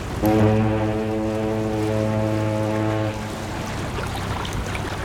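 A deep, loud ship horn blasts steadily for about three seconds as a boat departs to take passengers home, then cuts off, leaving a low rumble of engine and water noise beneath.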